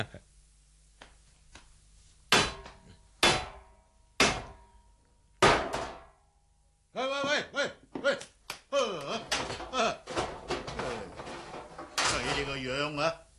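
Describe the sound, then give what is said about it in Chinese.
Four loud, sharp knocks with a stone on the small, low door of a death-row prison, spaced unevenly over a few seconds, followed by a man talking at length. “用石头敲门做咩啊？”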